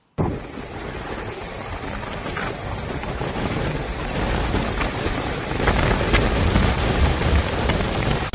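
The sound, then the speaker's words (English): Heavy monsoon rain pours down in Keralam, India, in a dense, steady, loud roar, with a deep low rumble swelling beneath it toward the end. No voices. “And while monsoon fury continues to disrupt normal life across several states, from flooded streets and rising rivers to submerged homes and damaged crops, heavy rainfall that has triggered widespread destruction, exposing the scale of the weather”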